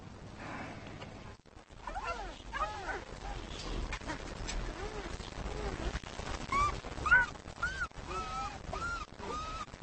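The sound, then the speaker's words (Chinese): A small yellow puppy yips and barks repeatedly in high, squeaky bursts over a steady noisy background for the whole stretch. “姐姐，我想领养这只黄色的小狗。”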